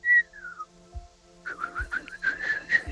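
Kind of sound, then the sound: human body sound, human whistling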